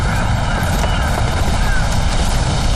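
A steady, loud engine drone fills the whole stretch, like an airplane passing overhead, frightening a flock of sheep, with a continuous low rumble and no break in the sound.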